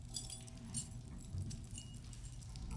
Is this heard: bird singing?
no